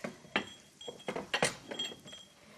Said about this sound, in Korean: 정말 맛있는 소리 들리는 것 같아요, 선생님. 네, 이제 기름이 좀 지글지글 소리도 좀 나지요?